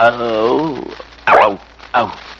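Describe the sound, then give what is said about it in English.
A man's voice imitates a lion's growl, doing it again on request: a loud, wavering, throaty rumble lasting under a second, then two short rough, breathy bursts into the mic. “You'll either muff it again and become Mary's lapdog, who can't smoke or drink or feed the pigeons in the park, or you'll be boss, the head of this company, and the lion at home. You growl once. Let's hear you do it again,”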